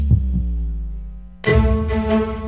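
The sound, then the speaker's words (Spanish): A low double thump like a heartbeat opens over a droning tone in a station jingle for Radio del Sur, 98.5, then a bright, full synth chord swells in and rings out. No one speaks. “La señal internacional que nació para escuchar los latidos.”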